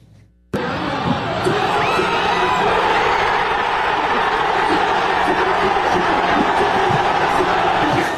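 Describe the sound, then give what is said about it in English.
A large crowd of American soccer fans erupts into loud, sustained cheering and shouting after a brief quiet moment, a dense roar of voices with whoops and clapping that continues without letup, celebrating the U.S. men's national team's 2-0 World Cup knockout-round win over Bosnia and Herzegovina. “Well, back in this country, a wild night for U.S. soccer ends in cheers from American fans.”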